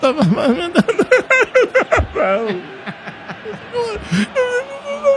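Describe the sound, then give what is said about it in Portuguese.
Fairly loud whimpering and crying: a rapid series of short, quavering vocal sobs that trail into a few longer, wavering moans near the end. “Você tá chorando?”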